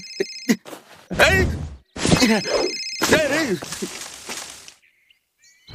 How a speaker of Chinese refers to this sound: 哎，电话响了。哎，接不了啊。